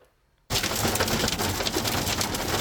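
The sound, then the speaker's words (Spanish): After a brief silence, a loud, dense barrage of hailstones from a damaging hailstorm suddenly starts drumming on the roof of a television crew's car during the last stage of a cycling race, a relentless rapid clatter of countless impacts that continues without pause, harsh. “Así suena sobre el coche de Televisión Española un vendaval de granizo”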